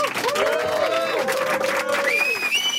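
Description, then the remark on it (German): A crowd claps and cheers loudly and steadily, a dense wash of applause with voices whooping over it and a rising whistle near the end. “Coole Tunes in the bag und bitte Applaus.”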